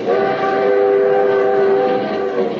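A limited passenger train runs steadily, its loud, continuous roar carrying sustained tonal hums like a drawn-out horn note for a couple of seconds, with no voices.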